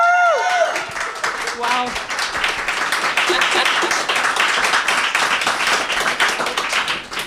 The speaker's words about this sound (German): Und wir haben uns gefragt, ob wir wohl einen lauteren Applaus hinkriegen als bei der ersten Radiosendung im Meta-Room. Machen wir mal. Let's go!